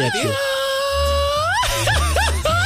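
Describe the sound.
A voice imitates a mariachi grito: a long, high, sustained cry that climbs in pitch, then breaks into a quick series of warbling, yelping trills that edge toward laughter.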